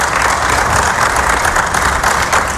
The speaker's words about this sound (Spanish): Se rompe Scaloni, aplausos de los presentes en la sala de prensa del estadio.